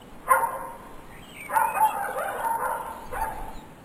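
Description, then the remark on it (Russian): A dog growls threateningly in a few tense bursts, a short snarl, then a longer drawn-out rumble and a brief final one, with no voices around it. “Ералаш тут же стряхнул сон, вскочил и навострил уши, и начал угрожающе рычать”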